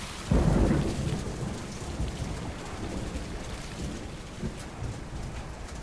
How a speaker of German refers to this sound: Ein Sturm. Schnell. Alles festhalten. Bringt euch in Sicherheit. Hilfe, oje. Der Sturm wird immer heftiger. Das Wasser schießt über den neuen Markt.